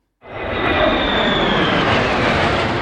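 A loud, steady roar of fighter jets passing overhead, starting abruptly and holding a broad, rushing engine noise with a faint high whine throughout; no one speaks.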